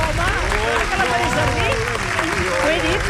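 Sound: applause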